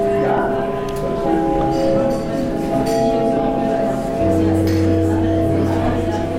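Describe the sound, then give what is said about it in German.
A theatre gong calling the audience into the auditorium rings out in sustained, layered chime tones, with a deeper note joining partway through, over the steady murmur of a chattering crowd. “So kennen wir das Theater. Der Gong ruft uns in den Zuschauerraum.”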